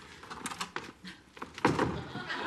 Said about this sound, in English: As she goes, she catches her bag in the door. Then Fraser watches as she pulls at it from the other side. The bag rises, then falls again in the doorframe. Fraser turns the handle, then Lilith almost falls in.